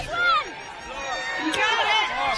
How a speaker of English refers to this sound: Every successful hit, you can hear the crowd screeching. So every time he splits it, the entire crowd goes wild.